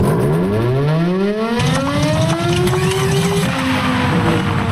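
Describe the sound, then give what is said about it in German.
A mechanical siren winds up from a low groan into a rising wail over steady rumbling noise, then falters and sputters before it can reach full pitch. “Mensch, kaum läuft die Sirene mal, gibt sie direkte Geist auf.”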